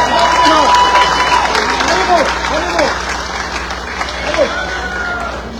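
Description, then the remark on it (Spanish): A crowd applauds the outgoing queen before her farewell speech, steadily and loudly, dense clapping filling the whole stretch, with scattered cheers and shouting voices rising over it before it eases slightly toward the end. “Le brindamos un aplauso a nuestra reina saliente, por favor.”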